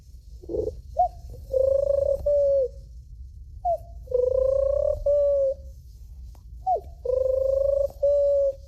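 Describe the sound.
A 12-year-old boy imitates a pigeon's cooing, three rounded, warbling coo phrases repeated at a steady pace with short pauses between, fairly loud over a low background rumble.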